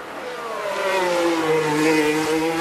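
A Formula One car's high-pitched engine screams steadily on track, its tone sliding slightly lower as it grows a bit louder, loud, with no voices.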